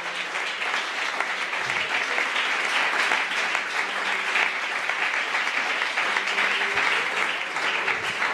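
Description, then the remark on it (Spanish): Sustained applause from a crowd of worshippers, a dense, steady wash of clapping at an even volume, with no voices standing out above it. “Un aplauso para él en esta hora.”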